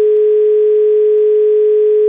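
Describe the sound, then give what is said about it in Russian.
A telephone ringback tone on a call placed by the Avtoradio station to a listener: a single steady, mid-pitched electronic hum that holds unbroken and even in loudness for about two seconds, with no voices over it. “Звонок у нас, гудок есть, а вот...”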